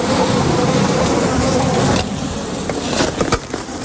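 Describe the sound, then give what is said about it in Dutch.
Steady buzzing of a hornet and a few bees caught in a net tent in a garden in the inner city of Zierikzee fills the first half, then drops to a quieter, rustling buzz with a few brief knocks and scrapes near the end. “vangt in een tuin in de binnenstad van Zierikzee een hoornaar.”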